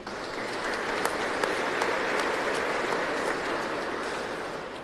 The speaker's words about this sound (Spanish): También a la comunidad vicentina, a los hermanos del equipo el equipo A, zona 1, que conforman Central, San Francisco, San Miguel y San Roque, que hoy nos ayudaron en la liturgia. Muchísimas gracias. Aplauso para ellos.